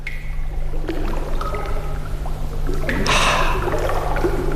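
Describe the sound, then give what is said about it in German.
Water drips and splashes in a cave grotto, scattered irregular drops with a brief louder gush of liquid partway through, over a low steady hum; no one speaks. “Es tropft, es ist dunkel und eben auch schön kühl.”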